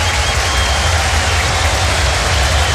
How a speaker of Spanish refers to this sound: Se va Arangui, se va el capitán. Escuchemos el aplauso.